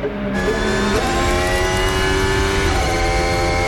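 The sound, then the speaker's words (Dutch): A Mercedes Formula 1 race car engine screams loud and steady at high revs, its high-pitched whine dipping and climbing as it shifts gears, with no voices over it. “Mercedes lijkt dat toch knetterhard door te lopen, hoor.”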